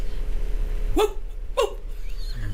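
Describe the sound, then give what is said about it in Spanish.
A person imitates a dog with two short, sharp barks about half a second apart, voiced fairly loud over a steady low background hum. “Empieza a ladrar, historia del hombre.”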